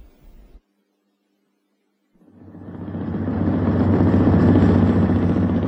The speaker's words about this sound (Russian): Катер рокотал мотором и разгонял по стеклянной воде длинные волны.